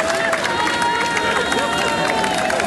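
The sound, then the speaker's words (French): A large outdoor crowd of young people in the streets of France claps and cheers steadily, thanking police officers and gendarmes: a dense continuous wash of applause mixed with shouting voices and occasional whistle-like tones, loud throughout. “Une jeunesse sans violence, sans débordement, qui applaudit dans les rues avec les plus grands, les policiers, les gendarmes, en leur disant tout simplement merci.”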